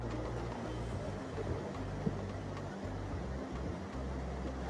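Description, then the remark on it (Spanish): Steady, powerful roar of a swollen river's rushing floodwater, so forceful that crossing the area even on foot is nearly impossible; a dense continuous rumble with deep low churning and no pauses, loud throughout. “Miremos más el video que hay donde los campesinos reportan cómo la fuerza de las aguas prácticamente hace imposible hasta pie pasar por el sector.”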